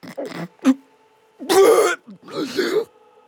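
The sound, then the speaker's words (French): A storyteller's voice imitates an ogre's terrible hiccup: two quick throaty gulps, then two longer, harsh, rasping heaves with short pauses between them, fairly loud, with no ordinary speech. “Les petites ogresses dans son ventre, l'ogre a eu un hoquet terrible.”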